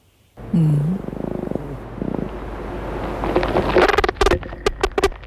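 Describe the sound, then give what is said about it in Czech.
Amplified courtship song of a male fly, made by wing vibration and recorded by the University of Leicester: a low droning buzz with a brief warbling hum, then trains of rapid pulses, ending in a flurry of sharp, loud clicking bursts. No one speaks. “Samečci to dělají vibrací křídel a k vydávání toho zvuku mají v mozku unikátní spleť spojů.”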